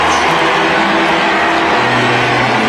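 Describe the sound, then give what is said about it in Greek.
The Pope's car engine hums low and steady beneath a loud, dense wash of outdoor crowd noise as the popemobile moves slowly through a gathered throng while the Pope greets the crowd during a town visit. “Κατά τη διάρκεια της επίσκεψής του στην πόλη, ο Πάπας χαιρέτησε το πλήθος που είχε συγκεντρωθεί μέσα από το παπικό του αυτοκίνητο.”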